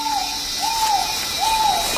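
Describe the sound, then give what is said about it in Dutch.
A trogon, hidden from view, calls with three evenly spaced, slightly arched whistled notes, set against a steady background hiss of insects and forest ambience. “We horen hem nog steeds, maar ja, hij laat zich niet heel makkelijk zien.”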